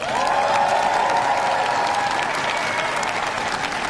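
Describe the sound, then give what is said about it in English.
Sustained applause from a large audience after Prime Minister Burnham's first speech in that role, a dense, steady roar of clapping that stays loud throughout with a few faint cheers mixed in. “The applause of those watching Prime Minister Burnham's first speech in that role as he gives his wife a kiss and then goes to have his photographs taken by the waiting members of staff and also the media there.”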